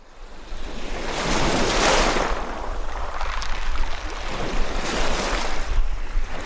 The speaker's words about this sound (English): Lake Ontario's waves push briefly ashore, then pull back, a rhythm as old as the earth itself. It is a peaceful morning at Mexico Point State Park, until buses empty dozens of youngsters and a handful of teachers.